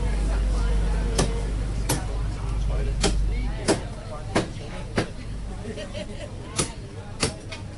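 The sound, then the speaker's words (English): A butcher chops meat at the front of a shop selling organic pork and chicken on Chungnyung Street in North Point, with sharp, heavy strikes, roughly nine of them at an irregular pace, over a steady hum of market bustle and voices. “They're chopping up the meat here at the front.”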